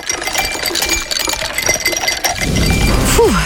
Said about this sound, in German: kannst du die Eiswürfel bitte nochmal? Klar.